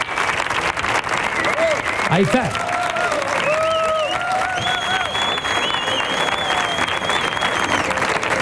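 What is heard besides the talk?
audience applause and cheering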